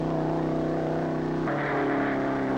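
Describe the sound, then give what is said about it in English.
Race car 138C's loud, sustained engine roar at high revs, 5,900 to 6,500 rpm, through the timing traps of a speed run, a steady harmonic whine jumping up in pitch about halfway through as it shifts into high gear, no voices. It is clocked at 151.06 miles per hour. “There's the first marker up ahead, and the tachometer says 5,900, 5,950, 6,000. He's in the trap now at 6,500.”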